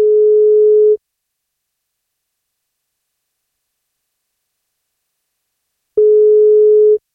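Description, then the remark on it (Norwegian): A telephone ringback tone while a call is placed to a woman on her birthday: two loud, steady one-second beeps at a single pitch, separated by about five seconds of silence, with no one speaking. “Hun fyller 58, men for at hun skal få bursdagskake, så må hun svare når vi ringer.”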